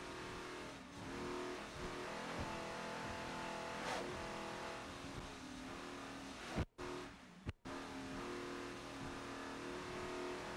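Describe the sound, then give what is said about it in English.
A T4-class racing powerboat engine roars loudly and steadily from onboard at the National Championships at Deerfield Beach, a dense mechanical drone that cuts out abruptly twice near the end before surging straight back. “This is the former deranged boat running really strong now as extreme liquid assets in the T4 class here at Deerfield Beach in the National Championships.”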